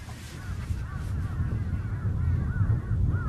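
Several crows caw repeatedly, their harsh calls overlapping over a steady low rumble of wind or outdoor background noise.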